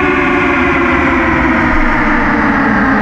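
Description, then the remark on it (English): A loud, sustained chord of several altered car horns, opening a rock song, drones steadily and evenly for the whole stretch, thick and buzzing, with no voices and no breaks. “These are all car horns to kick off the song.”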